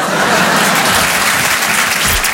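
Loud, dense applause from an audience at a comedy act after a performer's trick, a steady wash of many hands clapping at once with no one speaking over it.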